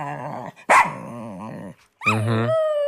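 A dog barks and vocalizes in a few loud bursts: a short yelp, a sharp bark, a drawn-out grumbling bark, then a long whining howl. No one speaks.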